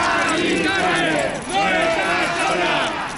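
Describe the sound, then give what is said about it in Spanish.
A crowd of protesters at a housing march in the streets of Madrid, Spain, shouts and chants together, a loud, continuous wall of overlapping voices that dips briefly midway before surging back. “Gritos en las calles de Madrid para denunciar el drama de la vivienda en toda España.”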